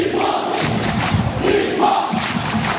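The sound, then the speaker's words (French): A large stadium crowd cheers and applauds in a loud, continuous roar, with voices swelling and shouting over a dense wash of clapping for about three seconds. “Et on accueille ce personnage sous les applaudissements du stade.”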